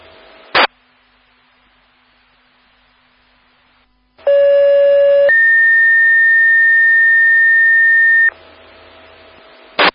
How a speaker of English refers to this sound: 10-4 on that. Thank you much. You would please put out disregard tone.